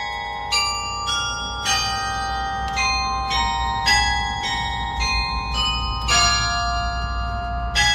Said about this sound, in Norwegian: dette litt lyd fra... Hentet fra Edvard Griegs lyriske stykker, spilt fra klokkertårnet I Nidarosdomen I Trondheim